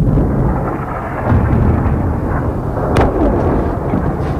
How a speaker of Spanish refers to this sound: Y por otra parte, ayer Irán también atacó por primera vez desde que entrara en vigor esta tregua Emiratos Unidos Árabes, lanzando varios misiles y drones que causaron estas explosiones.